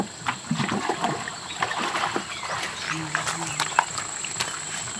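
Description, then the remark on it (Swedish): Water splashes and sloshes in irregular bursts at the water's edge of the Mekong River in northern Thailand, where fishermen rinse off their long, narrow boats, with faint murmuring voices and outdoor ambience behind. “Det låter som någon öser vatten eller någonting så.”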